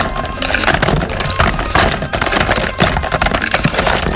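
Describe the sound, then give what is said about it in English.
A loud clatter of many small hard objects being poured and tumbling in a rattling shuffle drum, a dense continuous shuffle lasting several seconds with no voices. “First of all, let's empty this week's songs into the shuffle drum.”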